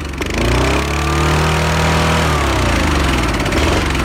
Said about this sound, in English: Can you tell me what engine I'm revving this morning? Oh, it sounds like a ride-on lawnmower.